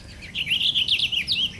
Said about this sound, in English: Oh, this purple finch is great.